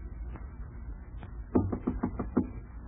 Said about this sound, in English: Hello in there. Nobody home. Try the door. What's that knock?